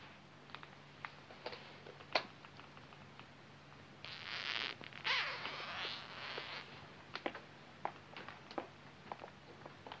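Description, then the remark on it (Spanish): A dress zipper is slowly drawn down in a sustained rasping burst, preceded and followed by scattered soft clicks and fabric rustles, quiet with no one speaking. “Bájame la cremallera.”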